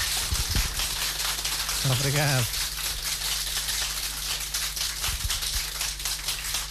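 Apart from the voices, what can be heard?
round of applause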